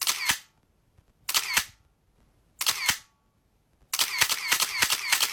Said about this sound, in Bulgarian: Както се сещате, това е звук от фотоапарат. Папарашки фотоапарат, ако трябва да сме точни.